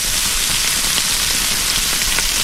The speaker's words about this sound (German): Ja, ist nicht lang, da brutzelt das Fleisch kurz am Grill.